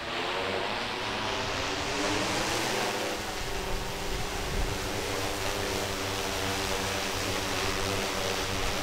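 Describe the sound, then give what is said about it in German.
A drone's propellers buzz steadily and loudly, a dense whining hum whose pitch shifts slightly partway through as the rotors change speed. No one speaks. “jeder, der Instagram oder Facebook bei uns verfolgt, dass der weiß, dass heute eine Drohne im Einsatz ist”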